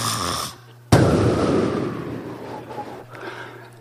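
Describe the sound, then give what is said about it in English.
A storyteller imitates the snoring of Bernard, a character in the story: a short nasal drone, then an abrupt, loud, breathy snort that fades out slowly. One cycle with no talking. “He said, "See, Bernard snores. He don't only snore, he puts him apoos in there.”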